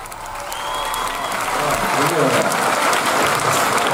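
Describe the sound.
A crowd applauds steadily at a live concert in a music venue on Akti Peiraios, dense clapping swelling slightly and holding at a loud, even level, with faint voices murmuring and a brief tonal sound underneath.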